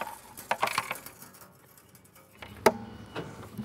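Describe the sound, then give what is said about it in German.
Small metallic clinks and rattles of loose coins jostle inside something in a shop, a quick cluster early on, then a sharper single clatter a couple of seconds later, moderately loud with no voices, as someone tries to get out small change a child threw in. “So, ich glaube, mein Lütter hat hier irgendwie Kleingeld reingeschmissen. Wir müssen das rauskriegen.”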